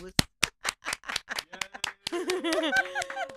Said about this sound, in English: Good job, Mom. Everyone applaud Mom.